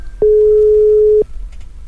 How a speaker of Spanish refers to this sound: Tres timbradas, no contesta y nos vamos, Adiós, ya van dos veces que le marcamos a este vato y no contesta, güey.